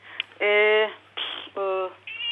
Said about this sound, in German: Oh, Sie haben auch eine Katze zu Hause. Ja, ich habe auch eine Katze hier. Ach, süß.